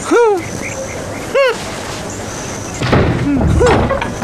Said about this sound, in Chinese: 哼哼哼，嘿嘿嘿，怎么样，开门了吧？